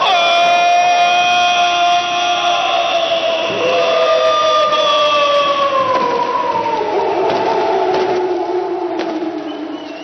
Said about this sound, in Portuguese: E que festa faz, portanto, a torcida do Brusque. Com o foguetório, a Fiel também, que lota o seu espaço no clima da decisão.